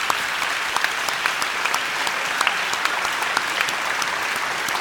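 Steady, dense applause from an audience fills the whole stretch, many hands clapping at once with sharp individual claps popping out of the continuous wash, fairly loud.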